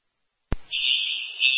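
A set-off burglar alarm at Thornton Place, attended by fire Engine 12, sounds: a click, then a loud, piercing, steady high-pitched electronic tone that holds without pause. No one speaks.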